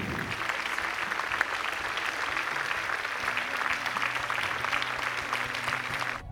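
A crowd applauds steadily for several seconds, a dense, even patter of many hands clapping at constant loudness, with a low hum underneath and no voices standing out.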